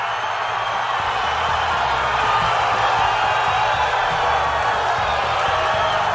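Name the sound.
crowd cheering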